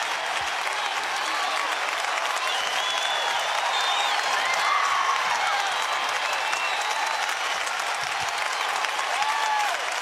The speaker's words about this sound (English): Lots of clapping, Monica. Haven't heard much else yet. The atmosphere. Yeah, there's something about the atmosphere.